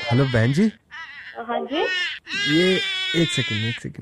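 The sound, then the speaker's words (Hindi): A man's baby cries loudly in wailing bursts, with brief pauses between them, while adults exchange a few short words over the crying. “ये मेरा एक्चुअली बच्चा बहुत रो रहा है और मेरी वाइफ का फोन लग नहीं रहा है।”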